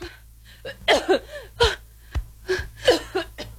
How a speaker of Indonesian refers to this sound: Batuk Ibu kok tidak berhenti.